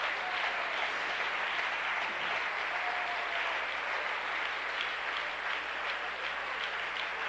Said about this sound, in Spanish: y que cuando alguien se decide, denle un aplauso al Señor en esta hora.